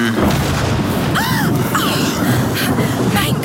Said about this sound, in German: Ein Blitz schlägt immer in den höchsten Punkt ein.